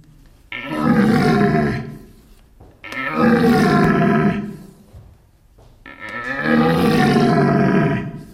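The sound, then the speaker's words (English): Three long, deep, throaty roars, each lasting about two seconds with short pauses between, a red deer stag's rutting mating call imitated by a person grunting with the voice into a caller made of two pipes fitted over each other, opening and twisting the tube; loud. “To imitate them, mating call of the deer, there is a device they use that looks like two pipes fitted over each other.”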